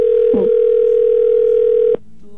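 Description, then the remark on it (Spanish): A steady, loud telephone dial tone as a call is placed live on the radio station Cristal 93.3, humming continuously for about two seconds, briefly overlapped by a short vocal sound near the start, then cutting off abruptly into faint background noise. “Va, vamos a marcarle.”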